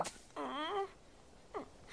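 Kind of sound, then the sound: human body sound, snoring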